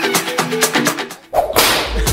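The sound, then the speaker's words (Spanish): A sharp whip crack sound effect snaps out loudly after a short pause, followed by a hissing, noisy tail; before it, a tonal, harmonic sound plays for about a second. “El latigazo.”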